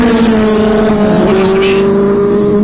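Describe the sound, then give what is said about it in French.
A 750 Yamaha racing motorcycle, capable of over 300 km/h, roars at high revs, loud, holding a steady droning pitch that wavers slightly as it runs at speed for the whole stretch. “La moto, une 750 Yamaha, sa vitesse plus de 300 km/h.”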